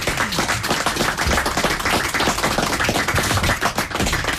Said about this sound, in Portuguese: Um aplauso para o Raul, que ele emocionou-se.